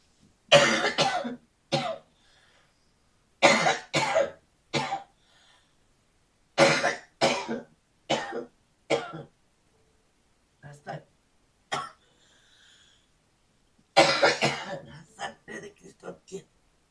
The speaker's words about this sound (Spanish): Reprendo esta tos en el nombre de Jesús.